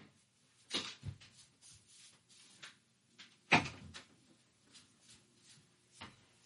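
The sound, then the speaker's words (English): Several sharp knocks and thuds from a door being shut, with one loud bang near the middle, otherwise quiet in between, no talking. “Excuse me, I have to shut the door.”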